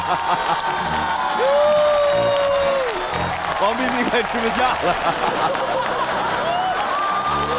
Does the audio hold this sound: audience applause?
yes